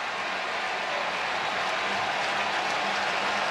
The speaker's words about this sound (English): Crowd rising again here in Chicago.